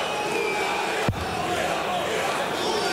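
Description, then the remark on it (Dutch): A large crowd of darts fans, many of them Hungarian supporters of Pieter Kelemen from Győr, cheers in a loud, steady roar, with one sharp thud cutting through about a third of the way in. “Oeh, er is flink wat Hongaars volk meegekomen.”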